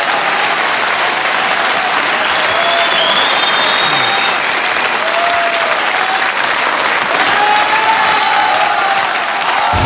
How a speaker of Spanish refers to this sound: Los sonidos se detienen y el último aplauso inunda el ambiente. Esto fue Arena Ritoque, una hora de música en vivo por Ritoque FM.